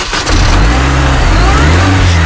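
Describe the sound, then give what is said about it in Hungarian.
A car engine cranks and catches, then revs up loudly with a rising, rumbling growl that holds steady, no voices present. “Na akkor most megmutatom, hogy indul a világ első pálinka meghajtású autója.”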